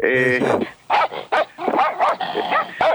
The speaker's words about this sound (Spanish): Me suelta hola, los Doberman, tremendo. Dije hola. Tengo miedo de decir algo que me ladren.